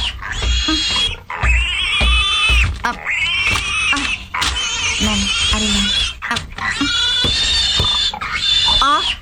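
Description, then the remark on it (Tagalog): A pig grunts and squeals loudly in a rapid series of harsh, high-pitched bursts as it is being fed, while a person talks intermittently. “Pagkaon siguro yung asang baboy.”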